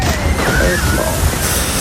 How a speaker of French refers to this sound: Eh bien, écoutez, ça glisse, on est parti. Et attention, ça éclabousse, attention.